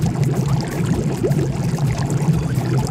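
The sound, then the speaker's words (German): Steady churning and bubbling water from a jacuzzi, continuous, with a low constant hum underneath and no voices. “Unsere beste Investition des Sommers war unser Jacuzzi und wir nutzen es täglich mehrmals.”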